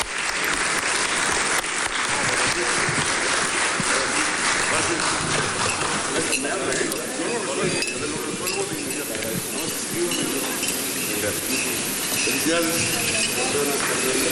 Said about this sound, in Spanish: Así es que muchas felicidades, enhorabuena, y les vamos a, los vamos a despedir con un fuerte aplauso, porque nosotros nos vamos a quedar trabajando.